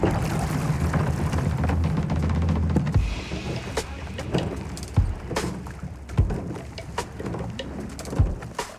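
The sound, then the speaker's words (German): A rowing crew of eight men and a woman pushes off in a boat on still water on a sunny morning, oars dipping and splashing in a few spaced strokes, with a low steady hum at first and birds cooing faintly. “Mannschaft stößt ab.”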